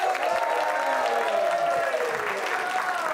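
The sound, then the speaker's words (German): A crowd applauds a comedian, clapping steadily and loudly throughout, with some cheering mixed into the dense applause. “Und wir machen direkt weiter mit dem nächsten Comedian, auch für ihn einen 12-14 Applaus.”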